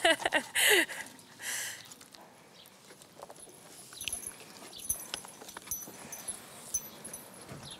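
Horses' hooves shift and step on a hard floor in scattered clip-clops as the horses are being harnessed in the morning, with a few louder bursts of movement early on, then quieter irregular stamping and rustling.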